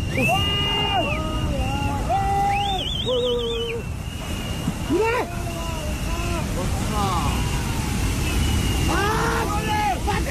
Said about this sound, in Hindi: देखिए वहाँ पे लोग काम करते हुए दिख रहे हैं और देखते देखते लोग चिल्ला रहे हैं क्योंकि शायद ऊपर से पानी आता हुआ वो देख रहे हैं, वो चिल्ला रहे हैं लेकिन ये लोग भी समझ नहीं पाए।